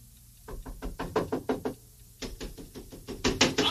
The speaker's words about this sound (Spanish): Ya por la madrugada, un grupo de soldados toca a la puerta del departamento y exigen que abran o de lo contrario derribarán la puerta.